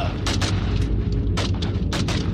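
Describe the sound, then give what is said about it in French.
A rapid, irregular series of sharp gunshots cracks out over a constant, heavy low rumble, the bursts coming in quick clusters, fired as a van drives off. “Quand ils ont démarré, je descendais les escaliers et j'ai entendu les coups de feu.”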